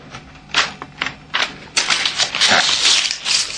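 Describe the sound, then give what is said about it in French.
A hard drive being slid into a computer: a few sharp plastic clicks, then a continuous scraping and rattling as it's pushed into place, with no voices. “va mettre un disque dur, on va voir ce que ça donne”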